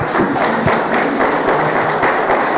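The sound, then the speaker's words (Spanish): An audience applauds the Lord with steady, dense clapping that holds at an even, loud level throughout, a few heavier thumps breaking through the crackling wash of hands. “Ven, aplauso por favor al Señor.”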